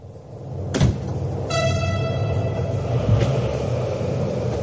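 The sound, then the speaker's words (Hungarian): A nearly empty passenger train rumbles steadily along the rails, with a sharp clunk early on and a sustained high metallic whine that rings over the low, continuous rolling noise. “A vonat oda is vissza is szinte üres.”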